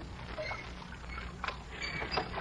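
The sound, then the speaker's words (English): Oars dip and creak as Mr. Dalloway rows a small boat, with a few soft splashes rising out of a steady watery background. No one speaks. “You row a boat beautifully, Mr.”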